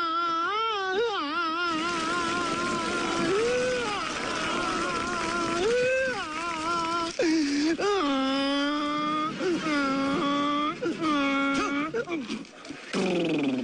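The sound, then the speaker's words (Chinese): A man's voice sings in wavering, drawn-out tones, then breaks into a series of loud, rhythmic braying cries that swoop up and down in pitch, imitating a donkey. “那可能唱这戏的时候呢，道边拴头驴。”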